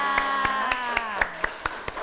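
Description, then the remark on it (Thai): Steady rhythmic applause for a special guest speaker in a children's lesson, about nine crisp claps in an even beat, heard over a soft sustained musical tone with no talking. “ในวันนี้ก็ขอเสียงปรบมือให้กับวิทยากรคนพิเศษของเราด้วยนะคะ”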